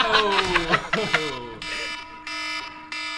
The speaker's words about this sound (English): With that being said, I think the alarm is about to go off.